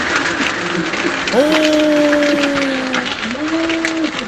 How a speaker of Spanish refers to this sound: Está lloviendo fuerte en la puntilla, weón, está lloviendo.